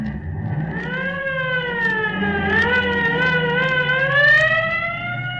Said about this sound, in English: Here's the squad car here. Get in. All right, buddy, let her go.